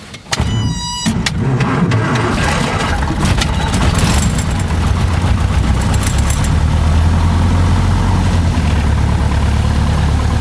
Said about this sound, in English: We're going to idle the engine, and then we're going to discuss photography, art, and death. And anything else that springs to mind. Okay. So our master is on. Fuel rich, prime the engine. Ignition on. Clear prop.